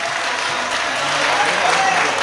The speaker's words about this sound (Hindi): पढ़े पढ़े पढ़े जरा तालियां बजा कर उनका हौसला बढ़ाए।